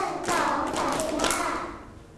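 A group of children in a classroom slaps their laps five times, following a teacher's count of one to five, in a quick, steady run of soft, muffled beats, fairly loud, with no talking over them.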